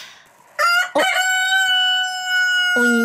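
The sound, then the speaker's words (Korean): A rooster crows loudly, a long harmonic cock-a-doodle-doo rising after two short bursts and ending with a lower final note, with no one talking. “여러분 갑자기 웬 닭소리인가 싶으시죠?”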